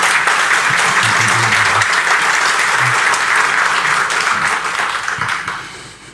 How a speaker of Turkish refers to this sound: Kuvvetli bir alkışlar.